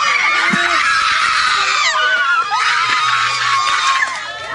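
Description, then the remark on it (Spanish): Relatives of Gabriela Nicole Pratts Rosario at the judicial center in Aibonito erupt in loud, sustained shouting and high-pitched screams of gratitude as Elvia Cabrera Rivera is found guilty. Many voices overlap in a dense, excited roar that stays intense throughout. “Se convirtió en gritos de agradecimiento. Así cambió en un segundo el ambiente en el centro judicial de Ay Bonito.”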